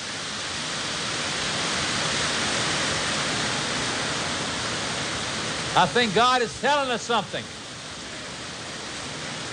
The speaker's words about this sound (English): And we're going to be getting a little rain here. And it sounds wonderful on our roof. Seems like the rain of the Holy Ghost is coming. Amen? Here it comes. Listen.